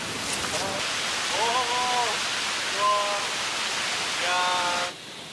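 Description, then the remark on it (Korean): A steady, full-spectrum roar of a waterfall in the cloud forest of the Knuckles mountain range, heard while descending toward it, fills the scene, with chirping birdsong calls layered on top in short bursts before the rushing water cuts off near the end. “와, 지금 점점 내려갈수록 이제 폭포 소리가 거대해지고 있습니다.”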